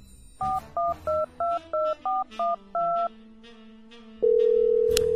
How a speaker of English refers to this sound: The phone rings and rings. Don't hear back from her. Goes to voicemail.